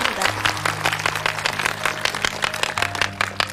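An audience applauds steadily after a singer's performance, a dense wash of many hands clapping for a few seconds, with a low sustained tone humming underneath.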